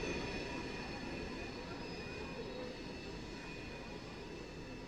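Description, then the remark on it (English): A train rumbles steadily past during a baseball game, a thin, high metallic screech of its wheels held above the loud roar, sustained through the whole stretch without pause. “Two balls and no strikes on Simpson as that train goes screeching by.”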